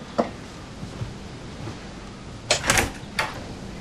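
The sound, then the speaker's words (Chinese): A door is opened: a few soft clicks and bumps, then a cluster of sharper clunks and rattles near the end, like a latch turning and the door swinging open. No one speaks. “开门。”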